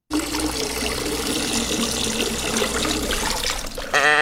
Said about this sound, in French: Pisse vache aujourd'hui, mais oui, pisse vache, fameuse chute d'eau valaisanne, si on dit la pisse vache.